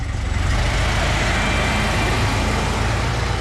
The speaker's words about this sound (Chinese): 崔文泰边发动引擎边说：“ 瘸子汤面，我知道那个地方。”